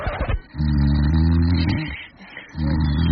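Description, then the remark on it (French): Loud snoring from a sleeping spouse in bed at night: two long, rumbling, rasping breaths with a short pause between them, heavy and guttural, with no talking. “Oui, votre conjoint dort. Et oui, votre conjoint ronfle.”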